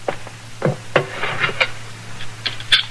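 A basin of hot water is set down on a wooden chair: a handful of hollow knocks and clunks spread over a few seconds, with faint rustling between them over a low steady hum.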